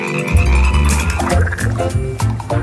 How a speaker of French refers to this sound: Avec les grenouilles, bon, je te laisse monter dans la barque